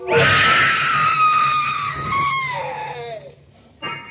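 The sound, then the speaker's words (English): A woman lets out a long, piercing scream, loud, holding for about three seconds before its pitch slides downward and fades, followed by a brief burst of noise. “I wish I never heard that scream.”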